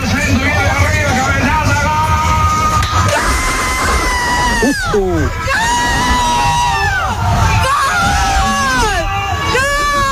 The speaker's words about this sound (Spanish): Colectivero, como llaman en Argentina los conductores de autobús. Colectivo en Argentina. Bueno, paró el bus para festejar el gol con los viajeros. Vaya locura colectiva, si me permitís el juego de palabras.